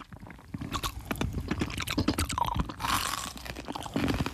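Someone crunches and chews ice cubes, a steady stream of sharp, brittle cracks and grinding bites over about four seconds, fairly loud, with no talking.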